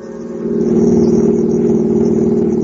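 A car engine hums steadily from inside a moving vehicle on the way home from a supermarket, a loud, low drone that swells slightly in the first half second and then holds an even pitch, with no voices.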